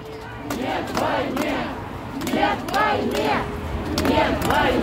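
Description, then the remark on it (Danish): A large crowd of anti-war protesters around Pushkin Square, after the full-scale invasion of Ukraine began in February 2022, chants "no to war" in unison, loud repeated shouts rising and falling in a steady rhythm over a constant rumble of many voices. “De gik med små skilte, og de gik og råbte nej til krig.”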